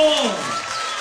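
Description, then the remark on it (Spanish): A crowd applauds at a cumbia dance hall in Isidro Casanova, Buenos Aires, during a live recording: a dense, steady wash of clapping that holds loud for the whole second, with a voice or shout briefly rising over it at the start. “Vamos con los aplausos de todo Mambo.”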